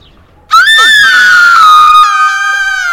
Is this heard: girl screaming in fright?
yes